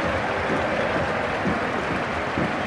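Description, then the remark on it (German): A stadium crowd applauding from the stands after the final whistle of a football match won by Alemannia Aachen: a dense, steady wash of clapping and cheering that holds at an even, loud level throughout, with no voices speaking over it. “Es gibt Applaus von den Rängen.”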